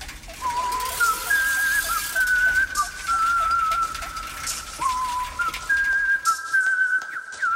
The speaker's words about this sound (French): Entendez-vous cette jolie mélodie? C'est Pitochat qui sifflote pendant qu'il met au point sa dernière invention.